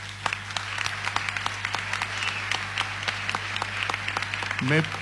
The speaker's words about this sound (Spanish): Quiero destacar la participación, la verdad, un aplauso para los chicos.